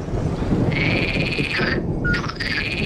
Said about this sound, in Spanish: el sapo partero ibérico, que es como un pitido que vamos a escuchar que se parece a un autillo